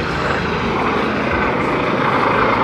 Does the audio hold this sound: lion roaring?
no